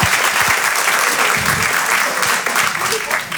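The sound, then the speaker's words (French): Steady, loud applause from an audience, a dense wash of clapping hands that holds evenly for a few seconds without any voices standing out. “Il m'a applaudi, je mets une coloscopie, bravo, bravo.”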